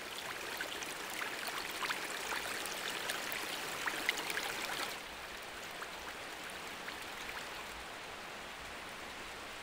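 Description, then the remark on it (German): A steady, dense wash of rushing water from a man-made waterfall shooting toward the Devil's Bridge roars continuously, hissing across the whole range, then drops to a slightly softer level about halfway through. No voices are heard. “Die Zuschauer strömen, das Wasser schießt zur Teufelsbrücke.”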